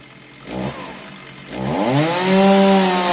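A chainsaw sputters with a couple of short bursts, then revs up into a loud, sustained whining roar, with no voices over it.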